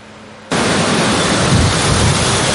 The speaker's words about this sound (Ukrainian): В небо здіймаються дрони-розвідники – це українські шмавіки. Аналоги китайських квадрокоптерів – тільки краще.